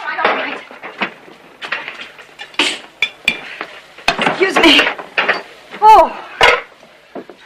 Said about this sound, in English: Meanwhile, Hallie carries more dirty plates into the kitchen for Rance to wash.